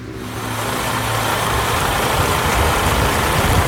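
A large bus engine idles with a steady low rumble, its drone rising slightly as the bus arrives in Ter Apel and settles. No one speaks.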